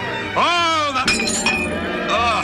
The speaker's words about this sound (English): You broke your glass. I'm sorry. Sorry, don't be. There are plenty more goblets and wine and...